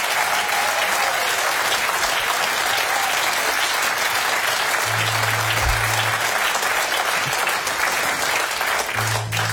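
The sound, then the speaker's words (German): Sustained applause from a sizeable concert audience for the band, dense and steady clapping that fills the whole stretch without pause, with a few low hums underneath and no speech. “Applaus für der Band.”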